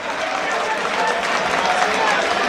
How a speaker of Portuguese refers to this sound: Um aplauso do torcedor, voltou a ficar animado. Torcedor do Aimorés, torcedor do Azulão.